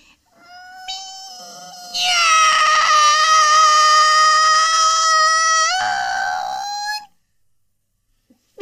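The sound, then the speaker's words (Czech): A voice imitates a cat with one long, drawn-out meow lasting several seconds, rising into a loud, strained, wailing middle before sliding down and trailing off into silence. “Tak, kolínka pokrčená a už mňoukám.”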